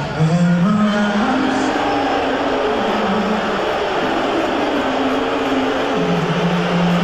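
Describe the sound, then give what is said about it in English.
A large crowd of fans boos loudly and continuously during the national anthem at the start of a game, a low droning chorus of voices that wavers slightly in pitch over a steady roar of noise for the whole stretch. “They booed during the national anthem, all the fans.”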